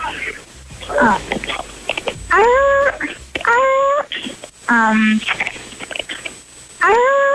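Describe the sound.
A person imitates a seal's bark: several loud, strained calls with rising and falling pitch, repeated in separate bursts with short breaths and pauses between them.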